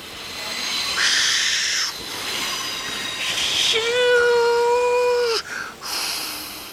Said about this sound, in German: Endlich. Thomas erreicht Maidwaite. Gerade rollt er pustend und dampfend am Bahnsteig ein.